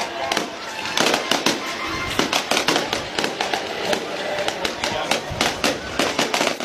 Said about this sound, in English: Absolutely awesome. I was going to celebrate with a little bit of fireworks. Man, they're still going. Wow. I mean, this is a full-on show. Incredible.